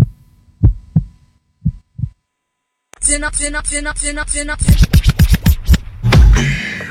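Two pairs of deep, muffled heartbeat thumps sound alone in near silence, then a bright, loud musical jingle with sustained tones and punchy hits takes over.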